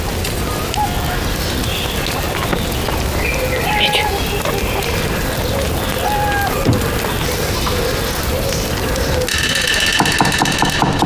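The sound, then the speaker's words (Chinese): A knife rapidly chopping potatoes into thin shreds on a board, a dense, fast, steady clatter of cuts that continues without pause, with faint tonal sounds in the background. “儿子，进来，看看我的刀工。”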